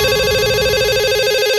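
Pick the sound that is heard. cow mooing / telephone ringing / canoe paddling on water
telephone ringing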